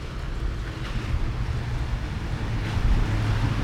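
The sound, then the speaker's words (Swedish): A ferry's engine rumbles low and steady as it comes in to dock at the quay, with strong gusty wind buffeting the microphone and water washing underneath; no one speaks. “Här, lyssna, nu kommer den. Nu lägger den till.”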